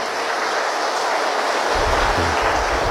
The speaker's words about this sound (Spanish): Así que a la comunidad de la renovación carismática, nuestro aplauso de felicitaciones.